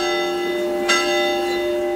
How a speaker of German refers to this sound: früher waren Kirchenglocken so eine Art Nachrichtensprecher. Und nachdem wir das da jetzt gerade alles gehört haben, muss ich echt sagen, jo, tatsächlich, für jede Botschaft ein anderes Läuten.